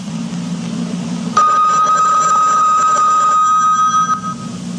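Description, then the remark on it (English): A single bell tone marking the top of the hour on radio station WBCQ, Monticello, Maine, USA, strikes suddenly and rings out steadily for about three seconds, a bright, clear pitch with shimmering overtones, over a low background hum, then cuts off. “At the sound of the bell, it's the top of the hour, and it's time for Tom Call Theater.”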